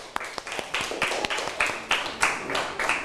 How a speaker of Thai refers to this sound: เอาปรบมือให้เพื่อนทั้งสองกลุ่มหน่อยค่ะ